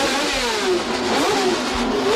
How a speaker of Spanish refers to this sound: El ruido de los motores era atronador.